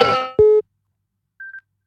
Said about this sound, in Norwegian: Det ringer, hør, hvem kan det være?